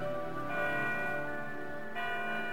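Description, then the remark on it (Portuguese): Church bells ring with overlapping, sustained tones, a fresh strike swelling in about halfway through the ringing; heard alone at a moderate level. “Ei, ei, ei, ei, solta lá os sinos.”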